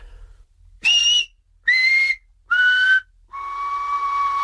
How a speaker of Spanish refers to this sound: Y cuando silbamos en barrancos, pues son muy parecidas. Pues te empiezo de I, E, A, O. Sería.